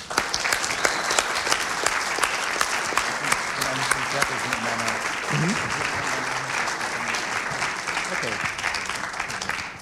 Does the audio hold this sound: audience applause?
yes